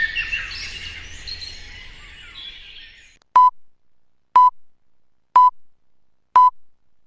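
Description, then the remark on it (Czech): Birdsong chirps for a few seconds, then fades out, followed by four loud, identical radio time-signal beeps spaced evenly about one second apart, each a short steady tone. “Sponzor tačnog vremena, Unsko-sanske šume.”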